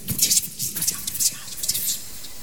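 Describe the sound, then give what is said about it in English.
A voice imitates the eerie noise of Gespenster (German ghosts) with breathy, whispery hissing that swells and fades in several soft pulses over a couple of seconds, fairly quiet and airy. “And they make a noise a little bit like this, you know.”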